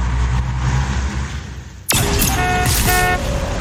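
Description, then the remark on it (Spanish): Steady low engine rumble of idling traffic in a traffic jam, then an abrupt shift to a denser street roar with several overlapping car horns honking in short bursts, loud. “¿Estás atorado? Vence el tráfico con La Lupe.”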